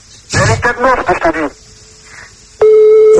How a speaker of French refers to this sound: Là, c'est sûr, si elle décroche, t'es sûr, avec le nombre de sonneries, tu la réveilles, là. Là, c'est bon. Là, elle va te tuer si elle décroche.